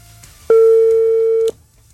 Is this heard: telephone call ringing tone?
yes